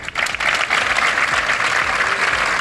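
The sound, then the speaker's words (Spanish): Sustained applause from a large group ending a Monday protest gathering, held after several minutes of silence to condemn the killing of a social-centre worker by her partner: a dense steady patter of many hands clapping at once, loud and continuous throughout with no voices standing out. “Este lunes se han guardado varios minutos de silencio en distintas concentraciones que han terminado con este aplauso como muestra de repulsa.”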